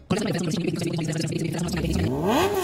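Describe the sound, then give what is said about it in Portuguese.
A motorcycle engine revs loudly in a Shinrai motorcycle advertisement, its throaty drone holding steady before climbing sharply in pitch as the throttle opens near the end. “Moto é Shinrai. E Shinrai é com DR Motors.”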